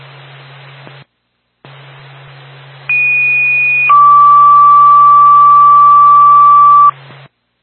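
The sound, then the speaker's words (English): Over a hiss of radio static, a Franconia fire department paging alert sounds for a general alarm to a possible electrical fire on a road in Franconia: a steady high tone for about a second, then a long lower tone held for around three seconds. “Twin State Franconia Fire Department on the general alarm.”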